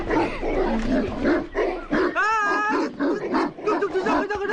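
Several village dogs, Xiaohuang and Xiaohei among them, bark in a noisy, overlapping burst at a newly arrived visitor in the Taizhou countryside, China, one drawn-out yelping bark standing out in the middle, over a busy outdoor background.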